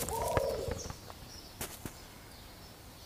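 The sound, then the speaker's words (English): A single soft, low imperial pigeon coo rises and falls in the first second on an island, followed by a few faint clicks and quiet ambient background, with no voices. “The palm relies on birds like imperial pigeons to spread its seeds around the island.”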